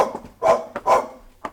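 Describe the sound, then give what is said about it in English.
A dog barks twice in quick succession, loud, with a couple of shorter, softer yelps around the barks. No one speaks. “I'm getting the dog's food ready.”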